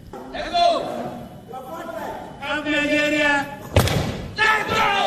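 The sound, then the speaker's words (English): Loud, excited shouting of "let's go" from several voices in a crowd at a Commonwealth Games weightlifting competition, with a sharp thud partway through and more yelling right after, energetic. “As the crowd yells, let's go.”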